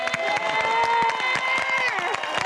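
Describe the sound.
An audience applauds after a song, a steady patter of many hands clapping at an even volume. A voice speaks over the applause throughout.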